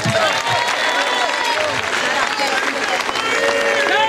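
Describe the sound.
A large audience claps steadily and loudly for about four seconds, the dense applause mixed with scattered cheers and excited voices from the crowd, holding an even level throughout.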